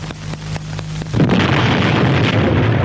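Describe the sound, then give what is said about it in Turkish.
A hand grenade goes off a second in with a sudden loud blast, then a sustained, roaring rumble of debris and noise; a few faint taps and a low hum come before it. “Hangi hayvan attı bu bombayı?”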